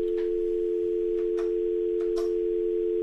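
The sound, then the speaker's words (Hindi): A steady, continuous telephone tone hums through the line with no one answering, faint clicks and line noise flickering over it, as a host on a call-in show tries and fails to connect a caller. “लगता है उनका फोन अभी नहीं लग पा रहा है, हम फिर से कोशिश करेंगे कि उनके कॉल को हम ले सकें।”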